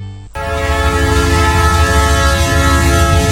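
A loud train horn blasts steadily, its sustained tone held for several seconds over the low rumble of a train on the move.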